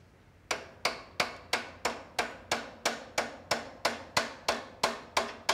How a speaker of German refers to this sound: Gib mir mal einen kleinen Hammer. Viele kleine Schläge. Lösen Rost. Mach ich jetzt hier den Glöckner.